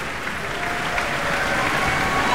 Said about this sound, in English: And you can hear the audience's applause for them, enthusiastic applause for the musicians of the Boston Symphony.